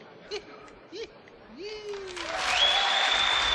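Sustained, dense applause from an audience for a performance swells in after a few short gliding vocal tones, growing loud and steady through the final second.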